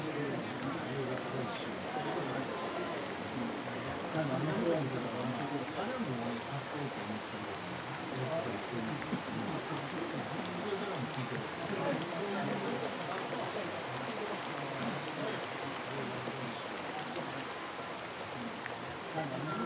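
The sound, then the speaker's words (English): Steady rain patters on a hard surface without pause, a dense, even hiss that holds at the same loudness throughout, with an indistinct murmur of voices buried beneath it. “And never to have had to listen to rain, so much like politicians' speeches.”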